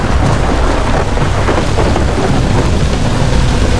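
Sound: thunder and rain storm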